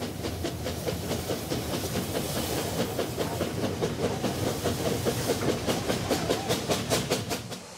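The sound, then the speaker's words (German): Steam locomotives run under full steam past photographers during a staged run-past on the single-track branch line between Telgard and Margezany in Slovakia, with steady, rhythmic puffing bursts and a continuous hiss, accompanied by a low rumbling clatter of wheels; fairly loud throughout, no voices. “Die Dampflokomotiven stoßen einige hundert Meter zurück, um dann unter Volldampf an den Fotografen und Videofilmern”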